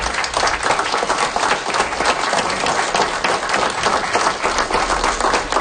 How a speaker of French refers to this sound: Ce que vous entendez, ce sont des applaudissements qui viennent du Conseil des Comtés Unis de Prescott et Russell.